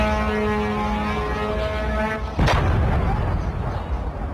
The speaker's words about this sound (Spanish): Testigos afirman haber escuchado más explosiones en toda esa zona anoche y lo recogieron con sus móviles. Así se escuchaba.